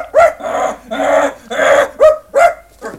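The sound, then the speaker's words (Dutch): A small white dog barks repeatedly, about seven sharp, high-pitched yaps in quick, uneven succession, loud, with no talking. “Want hij blaft alles bij elkaar.”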